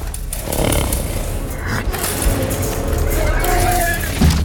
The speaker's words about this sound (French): donc on est sur une scène où normalement ils souffrent, ils sont un peu massacrés, et on entend ces cris de chevaux. Alors il faut se concentrer sur le bruit des chevaux, hein, pas sur les bruits annexes.